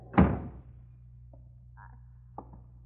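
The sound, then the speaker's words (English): A door is shut against a snowstorm outside with one heavy, low thud, followed by a short quiet stretch and a faint click, like a latch settling. No one speaks. “Close that door”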